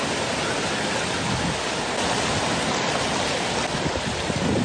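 A dense, steady roar of heavy, high ocean surf, with waves breaking continuously at a constant loud level. The high surf is affecting the communities of Pico del Monte, Boca del Río and Llano de la Barra in the municipality of Florencio Villarreal and is expected to continue for the next hours. No voices are heard.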